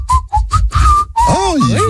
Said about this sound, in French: Attends, alors, moi, je suis pas le meilleur siffleur du monde, mais bon.